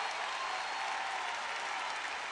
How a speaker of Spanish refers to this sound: ¡Fuerte el aplauso!